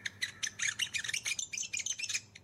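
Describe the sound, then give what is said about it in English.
A New Zealand native bird calls in a quick, busy run of high chirps and whistles that rise and fall in pitch, fairly loud, with a low steady hum beneath and no talking. “If it sounds like birds from Aotearoa, New Zealand.”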